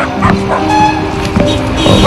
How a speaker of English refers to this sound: Nice doggy. Bad dog. Bad dog. I do not like dogs.